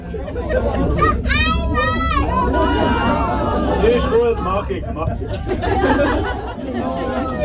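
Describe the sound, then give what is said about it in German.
Loud, overlapping chatter from many passengers fills a line 0 bus as the driver circles a roundabout round after round, with excited high-pitched children's voices rising above the steady babble of people guessing whether the bus will turn right or left, and a low engine rumble underneath. “Es ist laut im Bus.”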